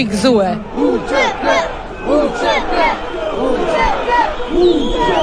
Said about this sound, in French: Entre drapeau albanais et kosovar, la foule crie son indignation.